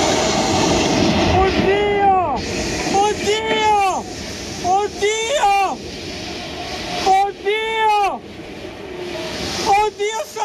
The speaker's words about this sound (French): Voilà, l'homme qui hurle son désespoir en voyant le pont s'écrouler sous ses yeux